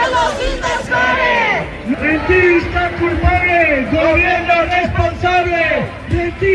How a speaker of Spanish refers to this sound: Estos son algunos de los gritos que se están escuchando. ¡Los invasores! ¡Son los invasores! ¡Los invasores!